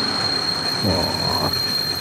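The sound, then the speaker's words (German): A train brakes with a sustained, piercing metallic squeal from its wheels over a steady rumble of rolling stock, loud, with no voices. “Ein bremsender Zug.”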